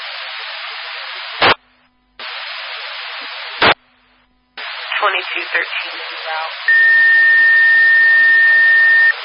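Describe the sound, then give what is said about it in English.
Radio static hisses and cuts out twice with sharp clicks, a brief garbled voice follows, then a steady, loud South Haven fire dispatch alert tone for a still alarm at 7768 20th Avenue in Syndicate Park sounds continuously over the radio hiss until the end. “Can you put out a cell alarm?”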